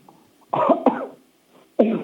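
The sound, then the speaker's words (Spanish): Three loud, forceful coughs from a patient told by a doctor to cough hard during an examination: two in quick succession, then a short pause before a third hard cough, with no talking. “Tose fuerte, a ver, con toda tu alma.”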